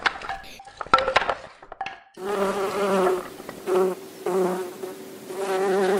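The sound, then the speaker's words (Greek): A few sharp clinks and knocks open, then a loud, steady buzz of bees in flight takes over, droning with wavering pitch and brief dips in volume, no voices. “Τα καταφέραμε, οι μέλισσες πετάνε χαρούμενες.”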